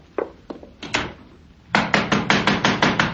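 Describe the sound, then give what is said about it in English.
Loud knocking on a door: a few scattered raps, then a rapid, insistent burst of about ten heavy blows in quick succession. No one speaks. “Just a minute. Don't knock it down.”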